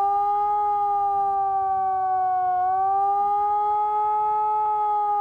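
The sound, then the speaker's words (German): A loud civil defense siren sounds continuously as a steady wailing warning tone with a slight dip in pitch midway, rich in harmonics, with faint background rumble underneath and no one talking, during Germany's nationwide warning day siren test in Remscheid, sounded after the all-clear signal. “Danach gibt es dann folgenden Warnton.”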